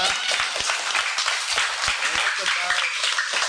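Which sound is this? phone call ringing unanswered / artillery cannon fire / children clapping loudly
children clapping loudly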